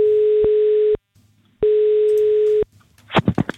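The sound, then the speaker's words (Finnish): Two long, steady mid-pitched telephone ringing tones, each about a second long with a short pause between, from an outgoing call placed by the radio station Radio 957 to a contest participant about the Sirkus Finlandia circus; a voice begins speaking just after the second ring. “Ja ainakin tätä seuraavaa henkilöä, jolle nyt soitan.”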